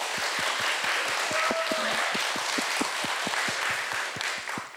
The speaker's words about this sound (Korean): 그러면 우리 정말 멋진 공연 보여주신 우리 고집불통 팀에게 여러분 다시 한번 뜨거운 박수 부탁드리겠습니다.